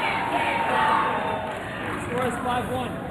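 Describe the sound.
A large crowd on its feet cheers and roars steadily, a dense, loud wash of voices swelling and holding throughout with scattered shouts rising above it.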